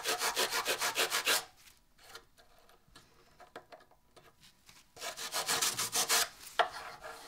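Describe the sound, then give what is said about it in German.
Rhythmic rubbing of a cloth over a wooden drawer in quick back-and-forth strokes as oil is rubbed into it, pausing for a few seconds of light knocks and shuffling before the brisk rubbing resumes. “Du kannst den erstmal ölen und dann mache ich den anderen hier gleich fertig.”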